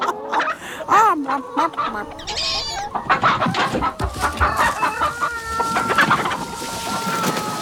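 Hens cluck busily and steadily while a rooster crows through the mix, a lively farmyard chorus of overlapping calls with no one speaking; the hens are hiding in the bushes from a fox while the rooster faces the predators.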